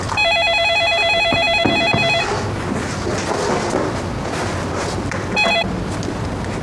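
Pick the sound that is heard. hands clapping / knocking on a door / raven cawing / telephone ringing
telephone ringing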